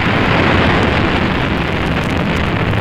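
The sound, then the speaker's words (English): A rocket engine roars steadily at launch, a loud, dense, rumbling wall of noise that stays constant for the whole stretch with no voices over it. “T-minus 18 seconds and counting engine start.”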